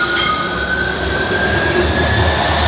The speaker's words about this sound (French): Le croisement de deux tramways.